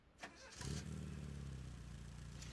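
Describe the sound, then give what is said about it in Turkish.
A Porsche 924 sports car engine cranks briefly and catches, then settles into a steady, deep rumbling idle with a low throbbing hum that continues without any talking. “İşte 924'ün sesi tam olarak böyle olmalı.”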